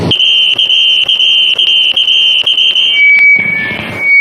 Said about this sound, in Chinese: 哦，这个有点像啸叫，这个我受不了，这个我得举手。